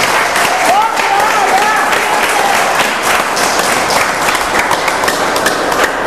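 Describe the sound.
A church audience bursts into sustained applause for the Lord, dense overlapping claps holding steady and loud for several seconds, with a few faint cheering voices rising briefly above it.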